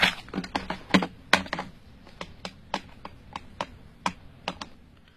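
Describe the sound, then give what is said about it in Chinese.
Telephone keys pressed one after another to dial a residential phone number: a quick, uneven run of about fifteen crisp plastic clicks, fairly clear, with no voices. “哎，这上面不是有他的住宅电话号码吗？ 那我来打。”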